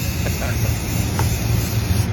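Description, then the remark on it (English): A steady hiss of a green aerosol spray paint can runs unbroken for a couple of seconds as a woman spray paints a brown bush green outside, with a low rumble underneath and a few faint clicks. “She spray painted her brown bush green.”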